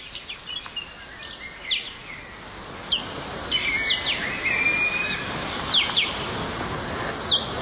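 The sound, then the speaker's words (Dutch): Four ospreys flying in Sweden call to each other with sharp, high-pitched squeaks and chirps, repeated in short bursts over a steady background hiss, moderately loud. “Dit zijn visarenden die met elkaar communiceren.”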